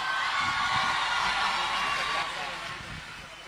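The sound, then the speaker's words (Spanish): An audience applauds and cheers a group of singers after their live show, a dense, continuous wash of clapping with scattered whoops, holding steady and then easing off slightly toward the end. “Nuevamente el aplauso para ellos, por favor.”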